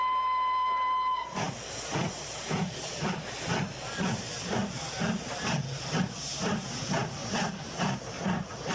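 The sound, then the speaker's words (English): A steam train pulls away: a brief steady whistle tone gives way to loud, continuous steam hiss with rhythmic chuffing pulses about twice a second, with no voices. “Well, I can't hold up the train for that.”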